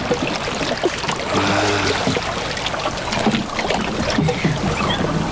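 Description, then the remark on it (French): Water sloshes and splashes in steady strokes as a paddle dips and pulls on the other side of a small boat to give it speed, with a brief low tonal hum partway through and a constant outdoor wash underneath. “De l'autre côté maintenant pour donner de la vitesse au bateau.”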